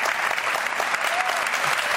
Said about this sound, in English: They're all here. They all love you. Millions applauding you.